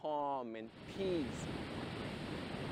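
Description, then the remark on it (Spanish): Ocean waves break and wash in a steady, loud roar of surf throughout, with a short tonal call at the start and another brief gliding cry just after. “Miras las olas que te brindan calma y paz.”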